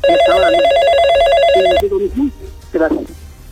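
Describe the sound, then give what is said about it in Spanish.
A telephone rings loudly with a rapid, warbling electronic trill for under two seconds as another call waits on the line, then stops abruptly as a person begins speaking. “Hay otra llamada en espera, John está en el teléfono”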